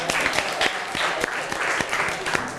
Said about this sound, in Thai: ขอเสียงปรบมือด้วยครับ